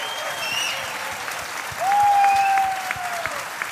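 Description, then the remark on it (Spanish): A concert audience claps steadily for the band's drummer, a dense, even wash of applause. Midway, a long high whistle-like tone sounds over the clapping and slowly fades, and the applause swells slightly with it. “Y como habéis visto, no vengo solo, vengo con una banda maravillosa que os voy a pedir un fortísimo aplauso a la batería,”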